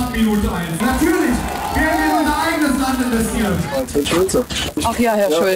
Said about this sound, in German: Jubel seiner Fans für Ulrich Siegmund, den Spitzenkandidaten der AfD, die um eine absolute Mehrheit kämpft.